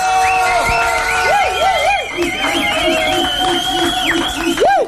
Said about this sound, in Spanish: para quien pido un fuerte aplauso, por favor.